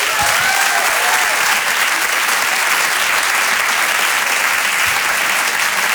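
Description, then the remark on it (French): Sustained audience applause at the Rire et Chanson Comedy Club for comedian Florent Père, a dense steady wash of clapping holding at a loud, even level for the whole stretch, with no voices rising above it. “Je demande un tonnerre d'applaudissements, s'il vous plaît, pour Florent Père.”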